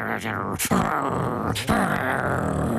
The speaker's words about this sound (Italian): E Cerbero ringhiava con le sue tre teste.